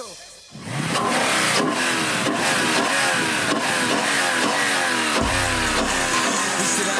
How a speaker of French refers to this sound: Voici le fameux V8 5 litres de 464 chevaux. Un bon gros moteur atmosphérique, fiable et voluptueux. Éprouvé lors des courses d'endurance, il équipe désormais un modèle de grande série.